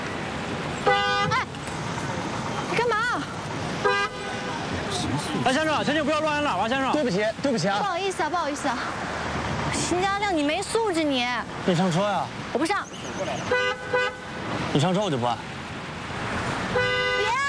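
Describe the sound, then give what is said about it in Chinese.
A car horn honks over and over in short, insistent blasts, loud, while people talk and argue over the noise; a driver honks to get someone to get into the car. “哎，先生，先生，不要乱按喇叭，先生。”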